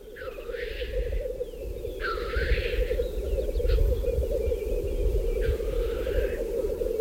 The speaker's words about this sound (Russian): Вот они поют общим гуртом, бормочут, шипят. Это общий гул 20 тетеревов в сосновском охотничьем хозяйстве.